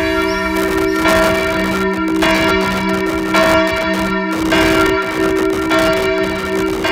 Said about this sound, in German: Also für mich haben Glocken immer so was Festliches. Auf der anderen Seite auch was, meistens um 12 Uhr, wenn die Glocken läuten, dass man so einen Tagesrhythmus hat, es ist jetzt Mittag